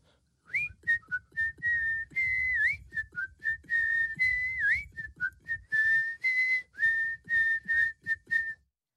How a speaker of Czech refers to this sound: Kluk se z toho náramně radoval a z té radosti si dal ruce do kapes a začal pískat písničku